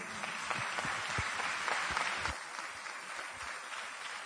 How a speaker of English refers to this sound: I wasn't expecting claps for non-attachment, to be honest. So the audience, we are misreading our audience, I suppose.